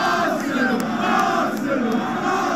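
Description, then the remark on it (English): A large crowd of Arsenal football fans in North London roars and chants together, celebrating the club's Premier League title, a dense, steady wall of massed voices that stays loud throughout without any pause. “And North London erupted in a sea of red jerseys.”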